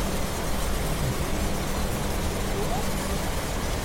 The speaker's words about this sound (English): We've moved now to another hydrophone from Monterey Bay.